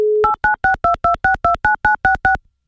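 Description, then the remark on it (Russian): A phone call to Kaliningrad: a brief steady telephone dial tone gives way to a quick, evenly spaced run of about eleven touch-tone dialing beeps, each a short two-pitched blip, with no voices. “Гудок пошел, номер набирается.”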